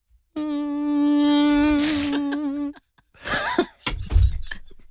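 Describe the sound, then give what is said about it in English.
A man makes a steady, nasal buzzing hum for about two seconds with his tongue on his front teeth, imitating a mosquito's whine, followed by breathy laughter and scuffling sounds. “It kind of sounds like a mosquito. And then I was like, hang on, does this sound like a mosquito?”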